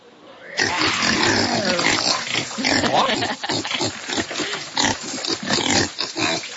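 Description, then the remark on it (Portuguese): A pig grunts and squeals loudly, a steady run of harsh, snorting calls and shrill bursts that continues for about six seconds after a brief quiet start. “Esse é o porco.”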